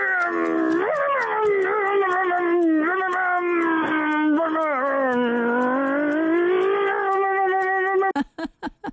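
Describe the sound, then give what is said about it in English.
A radio contest winner vocally imitates a revving car engine as a mean car engine impression: a loud, sustained buzzing drone lasting about eight seconds, its pitch swooping up and down, ending in a few quick sputtering bursts. “give us your absolute meanest car engine impression. Like this one from last week's winner”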